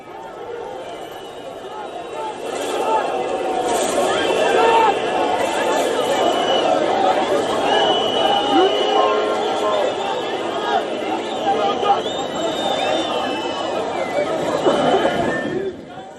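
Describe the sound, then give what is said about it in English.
A large crowd of street protesters, supporters of Turkey's Republican People's Party, roars and chatters continuously in Izmir, Turkey, amid clashes with police, water cannons and tear gas, many overlapping voices shouting at a steady, loud level with occasional higher cries rising above the dense babble. “The water cannons, tear gas and angry crowds.”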